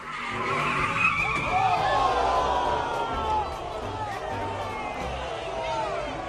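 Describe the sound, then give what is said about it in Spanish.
Car tires skid and squeal loudly with a long, sweeping screech over engine roar during an illegal street race in Los Angeles, California, while a crowd murmurs in the background throughout. “Ahora, este otro atropellamiento ocurrió durante arrancones ilegales acá en Los Ángeles, California.”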